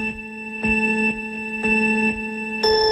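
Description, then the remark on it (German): A clock ticks steadily about twice per second, its sharp clicks layered over sustained, humming electronic tones, with a brighter swell near the end. It is the contest sound of the Hitradio Antenne 1 car giveaway. No one speaks. “Aber nun ticken.”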